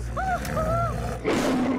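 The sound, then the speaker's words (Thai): A tiger roars loud, a deep rumbling growl that swells into a harsh, breathy burst near the end, with faint higher tones drifting over the start. “ไม่ต้องกลัวเสือตัวนี้คือบริวารของข้า”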